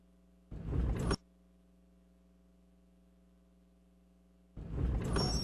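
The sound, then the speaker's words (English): Car brakes grind and squeal in two loud, harsh bursts, one short and one longer, with a steady droning whine holding underneath between them. No one speaks. “Grinding and squealing, what are you going to do about that? Time for new brakes.”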